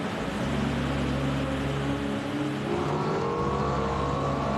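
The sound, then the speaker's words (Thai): An LFA sports car engine hums and drones steadily as the car drives from the LFA works through the Motomachi factory to quality inspection, its pitch rising as it accelerates, with a constant mechanical whir and no one speaking. “หลังจากผ่านการตรวจทั้งด้านในและด้านนอกรถจะจากโรง LFA ตลอดกาลมันแล่นผ่านโรงงานโมโตมาชิสู่การตรวจคุณภาพมันจะสิงสู่ในนี้อีก7วัน”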